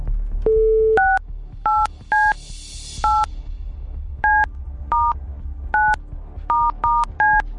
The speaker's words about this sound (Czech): Hoď mi to taky, ať to vím i já, protože budu vytáčet telefonní číslo, ze kterého tahle ta SMS-ka s žádostí o proplacení účtenky přišla.